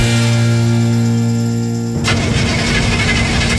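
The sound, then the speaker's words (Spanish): A car engine cranks loudly, a steady mechanical whine giving way to a rough, churning rattle as it struggles without catching, the car failing to start once again. No voices are heard. “Otra vez no me partió el auto.”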